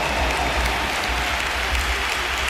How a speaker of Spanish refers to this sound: Se marcha el brasileño que, bueno, ha tenido un partido discreto, pero ha acabado haciendo un gol y un pedazo de asistencia, y por eso le aplaude el Bernabéu también.